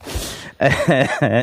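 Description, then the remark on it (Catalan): A rough, breathy cough brought on by laughing bursts out, followed by strained, voiced throat sounds in two or three short pulses. “Em fa riure, llavors, tuso.”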